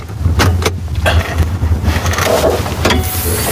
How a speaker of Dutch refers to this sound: Dit is de motor, een 4.2 diesel turbo intercooler. Die een hele traditionele motor die eigenlijk al ongeveer 20 jaar oud is. 200.000 kilometer gereden. En die gaat mij dus naar China brengen als het goed is.